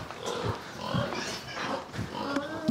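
Pigs on a farm grunt and snort in a steady series of short, low bursts as they are tended, several animals overlapping in a busy, continuous jumble with occasional higher squeals.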